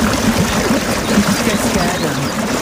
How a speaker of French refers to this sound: On est bien, petite cascade en forêt, histoire de nous rafraîchir. Ça fait du bien, non? Ah oui, ça fait du bien.